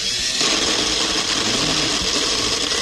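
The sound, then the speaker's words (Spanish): An electric blender whirs loudly and steadily for a few seconds, a dense grinding motor roar that stays constant throughout with no voices over it. “A ver, prende la licuadora.”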